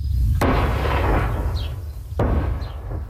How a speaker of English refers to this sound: This as explosions continue to rock southern Lebanon despite reports of a new agreement,